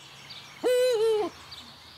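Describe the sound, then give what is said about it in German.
A Eurasian eagle-owl gives a single loud, sustained hoot lasting about half a second, clear, with only faint background noise around it and no talking. “Hoffen wir also im nächsten Jahr wieder auf Uhu-Nachwuchs.”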